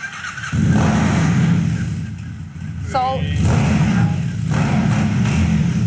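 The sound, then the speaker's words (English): A motorcycle engine in the Mutt Motorcycles showroom catches after a brief quiet moment and settles into a loud idle, then gets revved a couple of times, the rumble swelling, dipping and rising again. “Is this bike for me? It is. Thank you. We're going to crank it up.”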